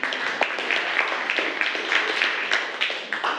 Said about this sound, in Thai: เก่งมากปรบมือให้กลุ่มหนึ่งหน่อยค่ะ